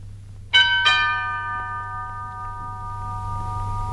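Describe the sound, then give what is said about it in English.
A two-tone doorbell chime rings once, a quick ding-dong whose bright tones linger and slowly fade over a steady low background hum, with no one speaking. “Try leaning harder on that bell.”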